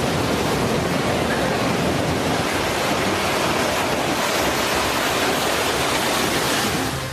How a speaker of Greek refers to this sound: Στην παραλία φαίνονται και μέλη του στρατού, ενώ ο φουσκωμένος κυματισμός φτάνει έως την ακτογραμμή και στα κοντινά ακίνητα.